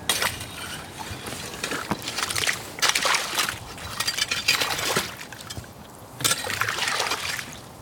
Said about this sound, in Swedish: Det är som en slask här, eller slushy. Massor av små isbitar här på ytan i vaken.